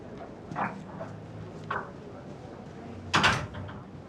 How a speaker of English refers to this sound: Close the door.